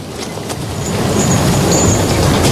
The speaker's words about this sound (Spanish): El viaje fue largo. Mucho más de lo que habríamos imaginado. Primero, a bordo de un renqueante ferrocarril.